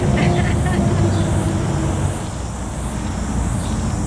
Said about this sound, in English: So, and also cars and bikes, as you can hear.